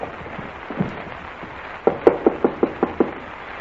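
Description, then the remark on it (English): A steady series of seven sharp knocks on the office door of Colonel Bowles' quarters, evenly spaced and fairly loud, following a quiet stretch with a couple of faint thuds; no one speaks. “If you say there's a light in the room, knock again.”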